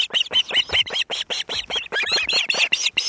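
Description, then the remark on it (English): An osprey at its nest, delivering a fresh catch of fish to its mate and chicks, gives a rapid, insistent series of high, piercing whistled chirps, loud, the calls tumbling over one another for several seconds without pause and with no voices present. “And this bird is delivering a fresh catch to his mate and chicks.”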